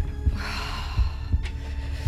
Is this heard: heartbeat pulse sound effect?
yes